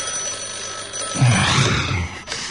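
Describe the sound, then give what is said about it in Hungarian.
A telephone bell rings loudly in a single harsh, clattering burst lasting about a second, then cuts off abruptly, with a faint steady hum underneath and no voices. “Rohadj meg, akárki! Telefonálsz.”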